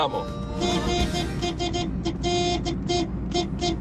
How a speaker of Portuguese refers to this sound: Vamos. Aí, ó. Vamos buzinar, turma. Vamos buzinar. Buzinaço tá no ar aqui.